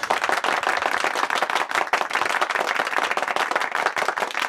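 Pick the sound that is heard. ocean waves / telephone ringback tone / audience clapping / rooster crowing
audience clapping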